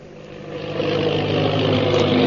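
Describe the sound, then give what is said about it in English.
An airplane engine roars in a steady, dense drone with a low humming undertone, swelling a little louder after the first second and holding there. No voices. The plane bears the Purple Triangle insignia and is flying through the sky. “The plane bearing the Purple Triangle insignia roars through the sky.”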